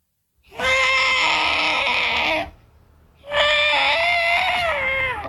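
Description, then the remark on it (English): A voice imitates the trumpeting call of an elephant that has its foot trapped in a hole and is calling for help: two long, loud, strained blasts, each about two seconds, with a bright, harmonic-rich tone and a short pause between them. “What about an elephant that gets his foot trapped in a hole and is calling out for help?”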